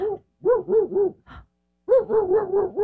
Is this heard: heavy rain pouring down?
no